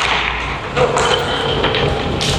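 The Xavier Prep Saints high school hockey team's skates scrape and cut across the ice at the Berger Foundation Iceplex in sharp, hissing strokes over a steady rink hum, with a few dull thuds as the puck drops and is struck, during the team's first home game, in front of its home crowd.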